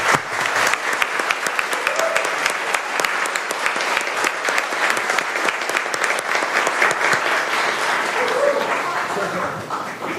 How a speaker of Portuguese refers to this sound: Vamos saudar Leandro com a salva de palmas, ele merece.